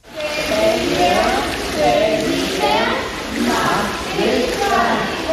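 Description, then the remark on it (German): Swimming pool ambience at a children's swimming course: water splashing and sloshing steadily while children's voices chatter and call out, echoing; ten children and four swimming instructors stand in the water holding hands, slowly turning together in a circle. “Zehn Kinder und vier Schwimmlehrerinnen und Lehrer stehen im Wasser, halten sich an den Händen und drehen sich gemeinsam langsam im Kreis.”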